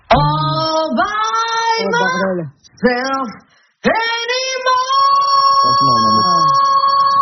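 A woman sings loudly, with gliding, wavering phrases broken by two short pauses, then a long sustained high note that carries to the end.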